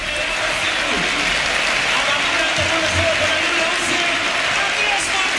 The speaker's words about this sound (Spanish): Se va con ovación del campo Andrés Martín.